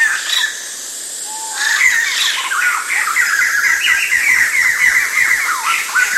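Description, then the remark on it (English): Busy, complex birdsong with chattering, squawky phrases tumbling over one another, loud, as a family of birds sings together in a continuous jumble of whistles and harsh notes. “and they were all singing together these kind of complicated things.”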